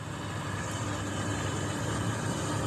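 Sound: helicopter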